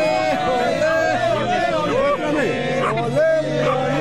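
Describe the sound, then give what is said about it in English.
Crowd chatter from a growing crowd outside a hotel, including Australians who came for the World Cup and Iranian Americans from San Diego: many voices talking over one another in a dense, steady babble at a fairly loud level, with no single speaker standing out. “Back at the hotel, the crowd grows.”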